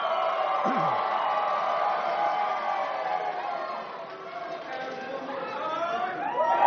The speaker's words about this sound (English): Jace D'Arcy getting the local fan crowd cheer